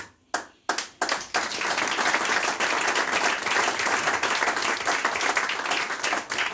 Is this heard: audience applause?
yes